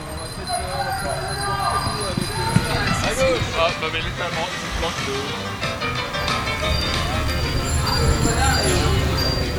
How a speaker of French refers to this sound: Dans les rues de Lille, un petit orchestre de sonnettes se fait entendre. Comme chaque dernier vendredi soir du mois, une équipe de cyclistes se réunit pour se faire voir et entendre auprès des passants. Ils se surnomment la Vélorution.